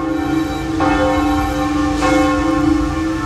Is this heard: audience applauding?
no